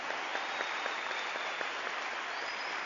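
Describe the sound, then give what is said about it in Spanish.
An audience applauds the Lord steadily during a program of the Iglesia Cristiana Pentecostés de Guatemala, Remanente Escogido. It is a dense wash of many hands clapping at an even level throughout, with a few sharper claps standing out and no voices over it. “Pueden darle un fuerte aplauso al Señor.”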